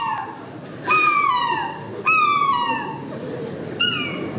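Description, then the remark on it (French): A person imitates a happy seagull call, giving three loud, shrill cries that each slide downward in pitch, spaced about a second apart over a steady murmur of background noise. “C'est goéland heureux, ça.”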